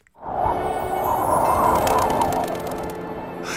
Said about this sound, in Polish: To Tarzan chyba był. Nie, to był kogut.